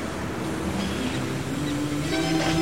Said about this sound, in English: Oh, this, the beginning of this is so relaxing. Listen to those waves.